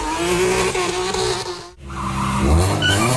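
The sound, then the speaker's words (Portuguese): Loud tire squeal over roaring car engines during illegal street racing and drag starts on the Marginal do Pinheiros near the Cidade Jardim bridge in the early morning hours, the shriek holding steady, cutting out briefly midway, then returning as an engine revs hard into acceleration. No one speaks. “Ponto onde o pessoal costuma se encontrar para ficar disputando velocidade ou então fazendo arrancada, né?”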